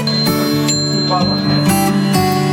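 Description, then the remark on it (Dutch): About 20 clocks hanging in a display of old farm life chime at once: several bell-like chimes ring out and overlap, striking every half second or so over a dense wash of sustained ringing tones, fairly loud. “Hoeveel klokken hangen hier wel niet? Nou, ik denk wel een stuk of 20 klokken.”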